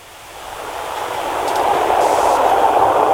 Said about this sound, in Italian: Sentiamo che è un treno lì vicino. Vabbè, dà un po' fastidio, però vabbè, ce la prendiamo anche questa.